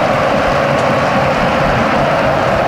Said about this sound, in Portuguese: E o Futebol Clube do Porto a ver agora a festa dos adeptos do Betis, é uma festa impressionante nas bancadas com mais de 60 mil a aplaudir a equipa sevilhana. Vale a pena ouvir porque não há muitos ambientes assim em todo o mundo.